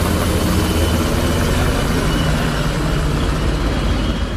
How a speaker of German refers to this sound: Am späten Abend starteten im Hafen die Motoren. Über der Stadt kreisten Hubschrauber von Bundeswehr und Polizei.